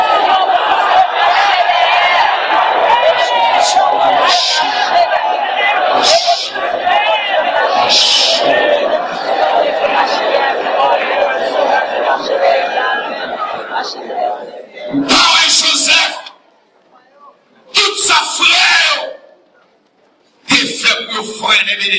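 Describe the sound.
A large crowd of worshippers shouts and cries out together in a loud, continuous roar of overlapping voices, which then breaks into a few short outbursts separated by sudden silences.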